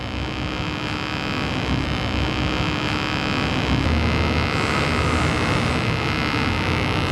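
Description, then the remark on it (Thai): A homemade contactless proximity sensor detecting a mobile phone gives off a continuous buzzing electronic hum, rough and noisy, holding steady at a moderate level for several seconds with only a slight rise in pitch and no talking. “มันจะเขาเรียกมันแหลมขึ้นนิดหน่อยเนา ะ แสดงให้เห็นถึงหลักการว่ามันสามารถตรวจจับการเปลี่ยนแปลงได้”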